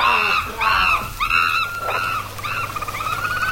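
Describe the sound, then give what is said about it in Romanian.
A flock of birds calls out in a rapid series of harsh, honking cries that grow fainter as they move off, over a low background rumble. “Au zburat.”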